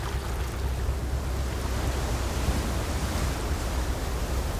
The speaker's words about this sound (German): Der Wind ist kühl, die Gischt salzig.